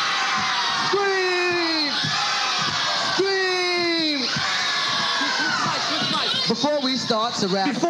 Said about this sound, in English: Somebody and anybody and everybody scream.